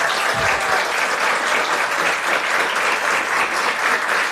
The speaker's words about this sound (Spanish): Mira, les aplauden sin envidia, ¿eh?